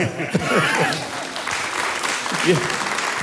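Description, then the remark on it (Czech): A crowd applauds steadily for a few seconds, a dense, even patter of many hands clapping, with voices faintly audible beneath it. “Prostě ano, jestli to bych mohl vyjádřit, já bych jim zatleskal.”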